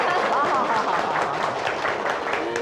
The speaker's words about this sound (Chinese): 哎，大家热烈鼓掌啊！